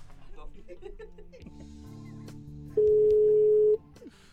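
A telephone line tone sounds once as a call goes to voicemail, a loud, steady electronic beep lasting about a second, preceded by quieter, muffled phone-line sounds and faint murmuring.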